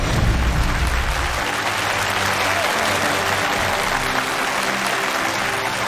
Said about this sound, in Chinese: 大家好，欢迎收看由中国酿世界香古井贡酒年份原浆古二零独家冠名播出的《中国诗词大会》第十季，我是主持人龙阳，热情的掌声欢迎各位。